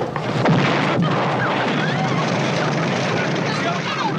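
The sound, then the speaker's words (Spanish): A bomb explosion in the opening scene of a film with Charlton Heston and Janet Leigh, interrupting a kiss, erupts with a sharp burst early on, followed by a loud, sustained roaring rumble of debris and noise that stays dense and steady to the end. “Beso se interrumpe dramáticamente por el estallido de la bomba.”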